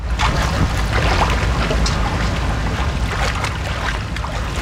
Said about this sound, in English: wields a walking stick as she wades through this tributary of the Connecticut River in Glastonbury, Connecticut.